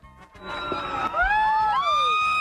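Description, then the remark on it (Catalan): A loud crowd of fans screaming together, high-pitched shrieks rising and overlapping into a sustained roar that swells and holds at full intensity. “La gent cridava a les totes, ara ho han sentit.”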